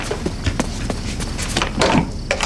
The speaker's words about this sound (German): Elliot rannte zur Tür und öffnete sie.